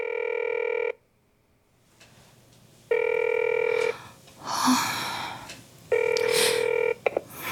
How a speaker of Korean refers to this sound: 언니는 통화 연결음이 끝나고 음성 메시지 안내로 넘어가도록 전화를 받지 않았다.